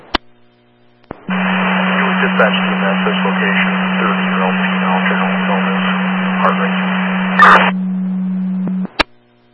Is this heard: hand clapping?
no